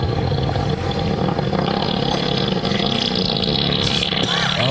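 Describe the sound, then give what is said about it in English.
A long, loud elephant fart lasting about seven seconds rumbles low and raspy without a break, a deep sputtering roar. “A 7-second elephant fart.”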